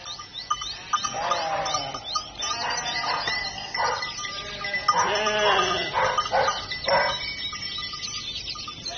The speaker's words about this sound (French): Pauvres bêtes, nous les avons effrayées. Rien n'est plus stupide qu'un mouton.